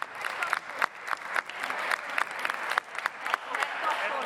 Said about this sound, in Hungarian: Miniszterelnök úr, 5 perce beszélt emberséges Magyarországról és tiszteletről, és most először akkor tapsol, amikor az a mondat Unger Annától elhangzik, hogy a Fidesz-KDNP képviselők csak társadalmi megvetést érdemelnek.